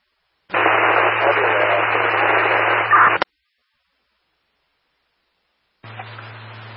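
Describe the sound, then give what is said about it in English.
A burst of harsh, hissy radio static fills about three seconds with a muffled, garbled transmission buried inside, cuts off abruptly, then a quieter crackle of static returns near the end. “Romeo is unreadable. Just static.”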